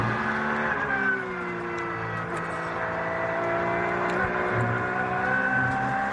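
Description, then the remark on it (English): A Porsche race car engine drones loudly and steadily on a circuit, its harmonic whine rising and falling slightly as it shifts gears, continuous, with no talking. “Porsche is giving us a little masterclass on how to drive this clear track frame at the moment.”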